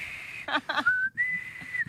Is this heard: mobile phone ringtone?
no